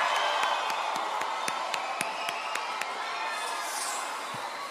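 A crowd at a show applauds and cheers steadily to welcome a performer, dense clapping over a wash of voices and whoops, a few sharper claps standing out, holding at a fairly even level before easing slightly at the end.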